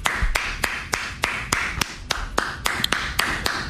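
A single person claps steadily because they admit they were wrong, about a dozen sharp, bright claps at an even pace over a soft background hiss, with no talking.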